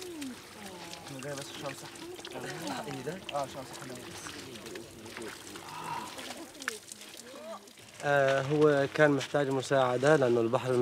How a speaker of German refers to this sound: Mal wieder ein orientierungsloser Schwimmer. Einsatz für den Süßwasserschlauch.